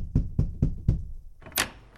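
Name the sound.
knocking on a door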